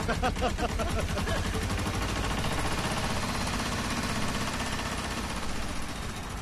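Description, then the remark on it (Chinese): A tractor carrying passengers along a mountain road runs loudly and steadily throughout, with a rapid, rhythmic diesel chugging and rattling that stays constant for the whole stretch before easing slightly at the end. “张老师，这拖拉机上不去，剩下的路啊，只能您自己走。”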